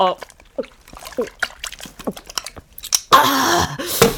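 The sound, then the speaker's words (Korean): Someone talks for about three seconds, then loud, wet slurping and chewing of jjamppong noodle soup bursts in during a mukbang of eleven bowls, a noisy, splashy rush of eating sounds that fills the last second. “아, 여러분, 오늘은 제가 그 짬뽕 열한 그릇 순삭해 보겠습니다.”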